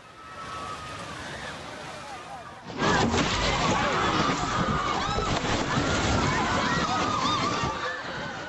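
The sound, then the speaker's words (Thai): A building collapses, filmed by an eyewitness: pieces fall away gradually before the whole building comes down in a split second, with a sudden, massive rumbling roar about three seconds in. The thunderous din continues as many people shout and scream in panic and run away from the spot. “ผู้เห็นเหตุการณ์บันทึกภาพนาทีชิ้นส่วนอาคารค่อยๆร่วงลงมาก่อนที่ในเสี้ยววินาทีก็จะถล่มลงมาทั้งหลังค่ะผู้คนรีบวิ่งห่างออกจากจุดดังกล่าวอย่างเร่งด่วนเพื่อความปลอดภัย”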